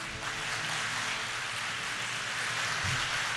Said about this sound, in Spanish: Aplausos por parte justamente de otros participantes y senadores.